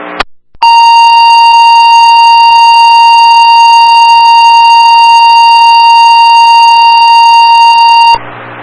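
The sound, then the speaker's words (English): A fire dispatch pager alert, the second page to Mitchell 5 for a smoke alarm going off at an apartment, sounds as a loud, steady electronic tone held unbroken for about seven seconds, preceded by a brief crackle of radio noise, with no one speaking. “Dispatch Mitchell 5, this is your second page.”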